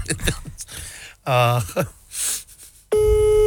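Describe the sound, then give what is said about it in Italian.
Voices talk briefly, then a loud, steady electronic telephone line tone cuts in and holds continuously through the final half second. “Vedi? Telefonata.”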